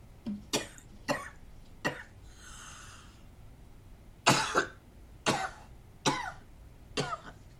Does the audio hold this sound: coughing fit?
yes